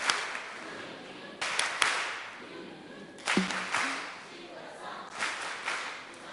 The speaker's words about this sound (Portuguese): Isto é. Palmas carinhosas.